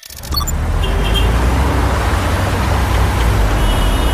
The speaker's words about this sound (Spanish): Atascado en el tráfico espantoso. ¡Acelera! ¡Acelera! ¡Acelera!